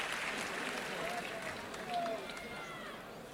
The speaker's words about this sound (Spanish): El público que responde con esta ovación.